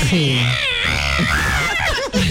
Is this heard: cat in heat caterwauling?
yes